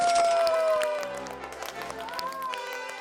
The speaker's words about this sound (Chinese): 好，大家掌声欢迎他们。